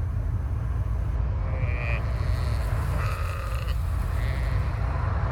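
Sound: sheep bleating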